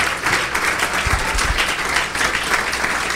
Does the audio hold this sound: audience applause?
yes